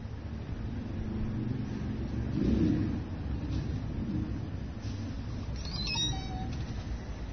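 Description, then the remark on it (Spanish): A brief, bright call of a tojo, a black bird with a yellow tail and a differently coloured beak, rings out near the end, a quick high trill with a lower whistled note, over a steady low rumble of traffic or wind that fills the whole recording. “Pero lo que más me sorprendió del tojo, que es un pájaro negro con cola amarilla, muy bonito, y con pico también de otro color, es su trino.”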